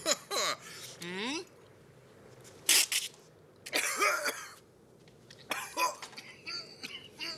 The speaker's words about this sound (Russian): Бизнесмен попытался повторить, поперхнулся и долго кашлял.